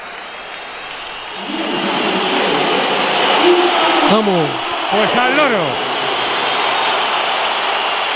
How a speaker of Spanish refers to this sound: La pitada es considerable. El personal en la grada le hace gestos. Mbappé ya no se ríe tanto.